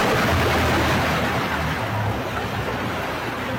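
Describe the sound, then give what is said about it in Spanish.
Rainwater pours and splashes steadily into a car's engine bay under the hood, a loud, continuous wash of water with a low rumble underneath and no voices. “Dentro del capó, en la zona del motor. Le están tirando el agua de la lluvia.”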